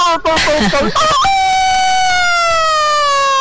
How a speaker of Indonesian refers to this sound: Iya, masih berkokok pula lah siang-siang ini ya. Abis masa ayam rica-rica ya berkokok lah dia.